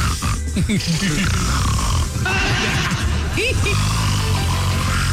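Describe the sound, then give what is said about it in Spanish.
A person mimics Donald Trump snoring with rough, nasal, gurgling snorts and wheezy pitch sweeps, a few seconds of continuous vocal imitation with no clear words. “Roncando. Le hacía.”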